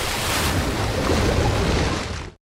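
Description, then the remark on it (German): A person flying out through a window plunges into black water: a dense, steady roar of churning water and waves, loud, holding for about two seconds before cutting off abruptly. No voices. “Dann verschlingt mich das schwarze Wasser.”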